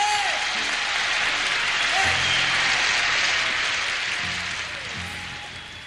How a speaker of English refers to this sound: let's give a hand to the …. Clap louder now, come on.